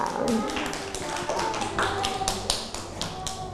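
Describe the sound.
Children in a class clap their hands at the teacher's request in a steady stream of quick, uneven claps that last the whole moment, with some voices talking faintly underneath.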